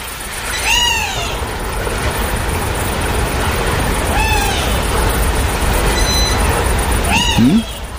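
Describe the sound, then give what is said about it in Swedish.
A wader bird calls in soft, downward-sliding peeps, three of them spaced a few seconds apart, with a fainter short peep in between, over a steady outdoor rushing background. “Det är nog en vadare som ropar där. Som passar på att svara. Kanske rödbena.”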